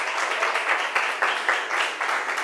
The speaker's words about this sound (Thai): ค่ะถือว่าถูกต้องนะคะเก่งมากๆเลยปรบมือให้กลุ่มที่2 อีกหนึ่งครั้งค่ะ